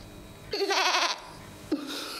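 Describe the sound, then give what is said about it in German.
A goat on a goat-fattening farm lets out a loud, quavering bleat with a wobbling pitch, then a second bleat starts shortly after and carries on to the end. No one speaks. “Und wie soll ich das meinen Ziegen erklären?”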